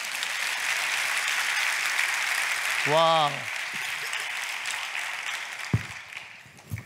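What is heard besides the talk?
audience applause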